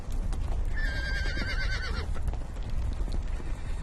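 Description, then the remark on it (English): A strong horse about three years old, raised in semi-wilderness, whinnies loudly for about a second as nomads catch it to be trained as a steed, its wavering cry rising over a steady low rumble of outdoor noise, followed by scattered hoof thuds and shuffling. “They have chosen a strong horse, about 3 years old.”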